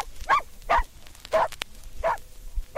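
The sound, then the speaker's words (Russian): A reindeer-herding laika named Altai barks in short, sharp bursts, five or so barks at an uneven rhythm, fairly loud, with no one talking. “Оленегонная лайка. Этот пес сплошной темперамент.”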